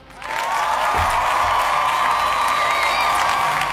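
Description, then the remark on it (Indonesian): Steady applause from a crowd, dense continuous clapping that swells in quickly and holds at a loud, even level, with faint cheering mixed in. “Ada 67% suara, kita kasih tepuk tangannya.”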